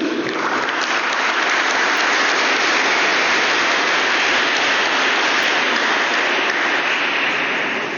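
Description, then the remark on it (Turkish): Loud, sustained applause from a large crowd gathered to applaud the champion VakıfBank team at the VakıfBank Sports Hall in Turkey, a dense steady wash of clapping that holds at full strength for the whole stretch without pause or voices. “Şampiyonlarımızı alkışlamak için bir araya geldiğimiz bu buluşmada bizleri yalnız bırakmadığınız için hepinize canı gönülden teşekkür ediyorum.”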